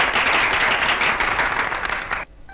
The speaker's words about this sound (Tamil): அவங்களுக்கு வாழ்த்துக்கள். அவங்களுக்கு ஒரு கைத்தட்டல் கொடுத்துடலாம். கண்டிப்பா.